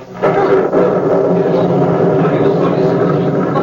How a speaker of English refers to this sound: Listen, what is that? It's thunder from underneath the earth. It was the mountain.